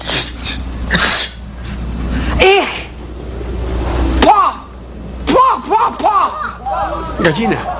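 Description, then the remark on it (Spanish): Several sharp, sneeze-like bursts, each breathy and followed by a brief vocal tail. They are scattered unevenly among voiced murmurs and exclamations, fairly loud. “Estoy en el planeta X buscando a un ratón de biblioteca que llevaba chaleco, cabello largo que le cae en el rostro, que usa anteojos y estornuda.”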